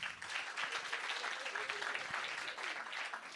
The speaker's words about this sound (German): Das war mitunter der beste Applaus heute Abend. Scheinbar ist das die erfreulichste Tatsache, mich nicht zu kennen.